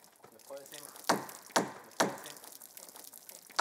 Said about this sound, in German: Ich lasse Wasser über diese Planke aus Zedernholz laufen, weil man sie weich machen muss, damit sie sich gut biegen lässt und nicht verzieht.